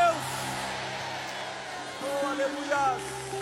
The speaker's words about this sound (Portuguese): Liberem um grito de glória a Deus.